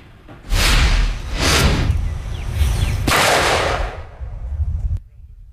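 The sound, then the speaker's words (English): Illegal fireworks explode at a live safety demonstration held by the Maryland State Fire Marshal's Office, in a rapid run of loud, sharp bangs, several blasts in a few seconds with crackling and rumbling noise between them, then a sudden cutoff. “The Maryland State Fire Marshal's Office held a live demonstration this week showing how dangerous illegal fireworks can be.”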